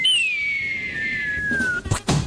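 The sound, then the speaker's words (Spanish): A low-budget cartoon falling-anvil sound effect: a long, steady descending whistle drops in pitch for under two seconds, then ends in a couple of sharp, noisy crash bursts. No talking. “Y el man, sonido de caída yunque, de caricatura.”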